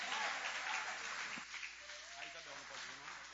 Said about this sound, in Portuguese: Vamos receber o servo do Senhor com palmas bonitas e alegres, que louva e exalta o Rei Jesus.